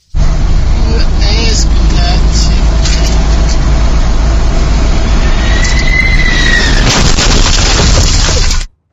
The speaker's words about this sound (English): Harrowing dash cam video from inside the bakery truck showed the moment of yesterday's collision. The truck driver, miraculously, had only minor injuries.